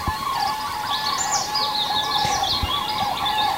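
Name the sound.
european robin singing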